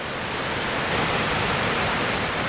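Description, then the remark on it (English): A steady, dense, loud roar of Victoria Falls (Mosi-oa-Tunya), water pouring over a rocky precipice nearly 2 kilometers wide down a 100-meter drop, on a clear winter's day with spray blowing; an unbroken rushing hiss fills the whole clip with no voices over it. “And through the spray, we can see the silhouette of the knife edge, and behind that is the mystery of Mosia Tunya, the Victoria Falls,”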